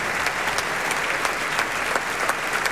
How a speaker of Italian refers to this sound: Ecco, arriva Michele Mariotti, portato sul palco da Amenaide. Applausi convinti anche per lui. L'orchestra si alza in piedi.